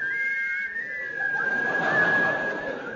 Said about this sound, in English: They have agreed in conjunction with the NUR to play the theme music of... The Yeti! Boy, it's a catchy tune, is that, you know? Everybody will be whistling it tomorrow, you know.